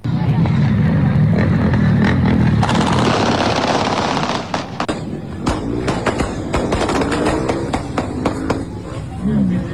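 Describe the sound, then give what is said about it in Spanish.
A rapid, irregular volley of loud gunshots rings out in quick succession on the Rambla of Montevideo, between the Teatro de Verano and Boulevard Artigas, over a noisy outdoor background with indistinct voices in the mix. “los tenemos a mano ahí para escucharlo de vuelta, para ver la intensidad de los disparos y cómo esto, lo que uno va, ustedes van a escuchar, y lo que el resultado es, cómo no hay más muertos y heridos, ¿no?”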